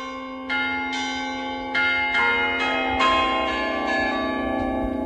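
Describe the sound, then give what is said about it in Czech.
The bells of a small rural chapel in Loučka near Vizovice ring overhead in a steady, overlapping peal, each new stroke adding bright, sustained tones that linger and layer into a rich, resonant wash. No voices are heard. “Tak ta stavba je taková jako docela malá, je to venkovská kaple s centrálním oltářem, je poměrně převýšená, docela nezvykle převýšená, sahá pohled až někam do nebe, až někam k Pánu Bohu, přes ty zvony, které jsou nad náma.”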